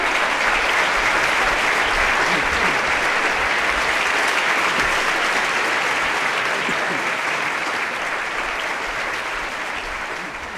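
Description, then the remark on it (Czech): A large audience applauds steadily, a dense wash of clapping hands that stays loud and full for about ten seconds before easing slightly at the end. “Aplaus.”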